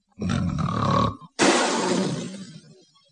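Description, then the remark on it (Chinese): A voice imitates loud snoring: a rough, low rumbling inhale lasting about a second, a brief pause, then a harsh, breathy blast of exhale that gradually fades out. “吃饱了没事，倒在床上放长条睡大觉，真的是鼾声如雷，那呼噜打的比别人都高响出两倍半去。”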